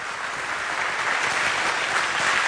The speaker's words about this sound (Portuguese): E quem crê aqui, dá um glória a Deus e um aplauso bem forte ao Senhor.